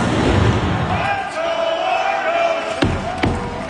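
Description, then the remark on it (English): A dense, roaring crowd of over 16,000 cheers steadily at a Toronto Argos home game at BMO Field in Toronto, and near the end a few heavy drum thumps, banged by a former Blue Jays player, punch through the din, loud and widely spaced. “That's former Blue Jay Kevin Pillar banging the drum”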